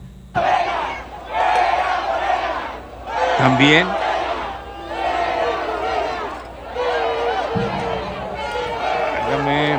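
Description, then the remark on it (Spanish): A large crowd of Mexican football fans at the Pancho Villa roundabout in Chihuahua chants and shouts loudly, celebrating the Mexican national team's win with cries of "Viva la Maru" and "fuera Morena", voices rising in repeated phrase-like bursts with brief dips between them, plus a short rising horn-like tone partway through. “Al grito de fuera Morena, celebran chihuahuenses el triunfo de la selección mexicana en la glorieta de Pancho Villa.”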